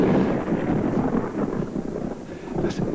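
A deep, continuous rumble of thunder rolls on with steady rain noise, broad and fairly loud, with no voices.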